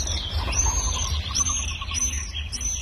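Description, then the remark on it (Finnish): Swallows twitter overhead as they fly above the sea in summer, heard from a yard where a car is parked, in a string of thin, high, shrill chirps and short trills, repeating steadily over a constant low outdoor rumble. “Tuossa meren yläpuolella pääskyset nyt laulelee ja lentelee.”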